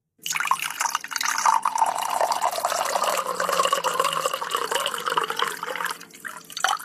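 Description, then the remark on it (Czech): Water pours steadily into a glass, a continuous bubbling gurgle that rises slightly in pitch as the vessel fills, lasting several seconds with no voices. “To bych tipla na nalévání vody do skleničky.”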